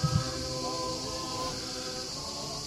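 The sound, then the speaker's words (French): Cicadas drone in a steady, high-pitched hiss that holds unchanged for the whole stretch, with faint sustained low tones underneath and a couple of soft bumps right at the start, heard during a heatwave at an ordination Mass. “Nous avons deux chorales, puisque, comme d'habitude, les cigales contribuent à leur façon. Et canicule oblige. Elles sont toujours là, à chaque ordination.”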